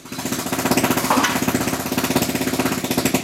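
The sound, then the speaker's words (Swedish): A jackhammer pounds steadily in rapid, regular bursts, loud, with a hammer drill's rattling percussive noise sustained throughout, as the owner demolishes his own Palestinian house in Jerusalem. No voices. “Det är ägaren själv, Mujahed Badran, som med borrhammare och slagborr förstör sitt eget hus.”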